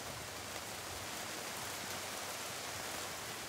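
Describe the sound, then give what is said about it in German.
Steady rain hisses down continuously, a dense even patter of drops with no pauses, moderately loud, with no voices. “Mangold ist schon gewaschen, aber muss es jetzt gerade regnen?”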